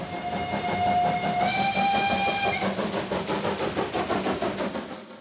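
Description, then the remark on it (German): A museum railway's coal-fired steam locomotive, running for a festival week, sounds a long, loud whistle, then keeps hissing and chuffing steam in a steady rhythm, with no voices. “Was mich fasziniert an der Dampflok ist das Zusammenspiel von Kohle, Feuer, Wasser, Dampf. Und den lassen die Museumseisenbahner für die Festwoche noch bis zum 2. August ab.”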